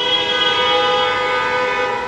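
Car horns blaring together in one loud, sustained, unbroken honk that holds steady for about two seconds, with no voices heard, at a street protest on Chapultepec in the Guadalajara metropolitan area, Jalisco, Mexico.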